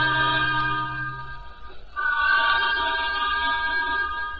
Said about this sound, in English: We're slowing down, sir. From the sound of that whistle, there may be something on the lines.